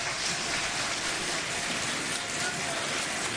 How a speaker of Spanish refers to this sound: Esto simplemente ha sido tomado por el resto de grupos o de bancadas, respondido por un aplauso, y se ponen de pie algunos integrantes de Fuerza Popular.